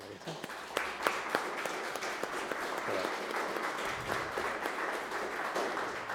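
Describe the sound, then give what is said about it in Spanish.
Steady applause from an audience, a dense crackle of many hands clapping with a few sharper individual claps standing out, holding at an even, moderate level for several seconds. “¿Le damos un aplauso?”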